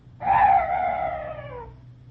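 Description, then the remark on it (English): A strange night bird gives a single drawn-out, wailing call about a second and a half long, its mid-high pitch sliding slowly downward as it fades, over a faint low hum. “Oh, some night birds. Yes, that's all. Such a weird sound.”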